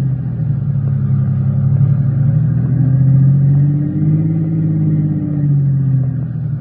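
A car engine rumbles steadily, its pitch rising and falling in slow swells as the car revs while swinging around to park facing back the way it came, near a house at dusk, with no voices present.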